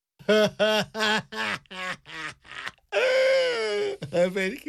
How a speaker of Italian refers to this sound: … piange e questa è sempre una cosa buona.